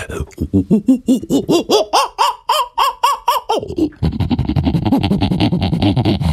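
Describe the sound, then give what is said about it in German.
A person imitates an agitated lemur with a quick series of loud, yelping calls that climb in pitch, then breaks into a harsher, continuous raspy chatter. “Kannst du einen Halbaffen nachmachen? Halbaffe, kein Problem.”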